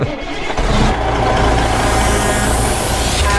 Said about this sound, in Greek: Αυτό το σήμα που έρχεται με την κόρνα.